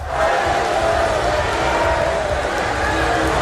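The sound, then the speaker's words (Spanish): At the Reform UK party conference, a large crowd boos and shouts at women protesters who interrupted Nigel Farage's speech. Many overlapping voices make a loud, continuous roar that fills the auditorium for the whole stretch without letting up. “Los asistentes han respondido con abucheos y rápidamente los servicios de seguridad han sacado a las manifestantes.”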